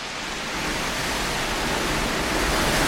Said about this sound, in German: hörst du den Sturm? Das knarrt ja im Gebälk, als wenn das ganze Haus einstürzen würde.